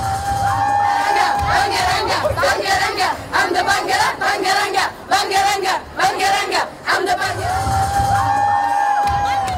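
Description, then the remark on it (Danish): A large crowd of Bulgarian children gathered at Sofia Airport in Bulgaria to welcome home a returning song contest winner cheers and shouts loudly and continuously, with high-pitched whoops and excited yelling, many voices sounding young, as rhythmic chant-like bursts rise and fall throughout. “Ja, de var samlet, ungerne, alle Bulgariens børn, næsten i Sofia Lufthavn”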